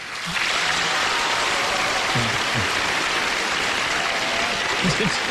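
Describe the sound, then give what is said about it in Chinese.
Loud, steady applause from a crowd, a dense wash of clapping that starts abruptly and holds at full strength, with a few low voices murmuring faintly underneath. “你听这掌声。”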